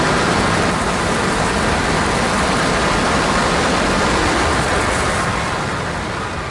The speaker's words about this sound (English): You can see the firemen assembled here, the police officers, FBI agents, and you can see the two towers. A huge explosion now, raining debris on all of us. Better get out of the way!